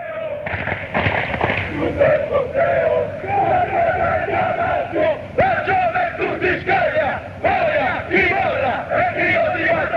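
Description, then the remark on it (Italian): A large crowd of football fans chants loudly in unison, a sustained rhythmic chorus of voices with sharp bangs and pops cutting through at irregular moments. The chant is aimed at Atalanta supporters from Bergamo, with the words 'boia chi molla'. “Ti dico che questo coro è il coro che viene fatto con gli atalantini”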